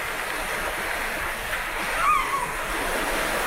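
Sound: ocean waves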